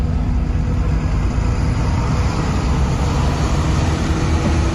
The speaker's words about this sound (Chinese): 看汽车已经启动，这提到嗓子眼的心略微放下来些，东张西望的看着窗外有没人追来，随口向司机道：“ 你这个黑车给老子开快点。”